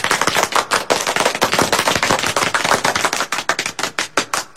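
A burst of steady, enthusiastic applause from a group welcoming two new dancers into a song and dance troupe, dense overlapping claps sustained for several seconds, thinning slightly into more distinct claps toward the end. No one speaks.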